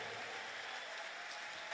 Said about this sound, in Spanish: Ese aplauso para el Señor, fuerte.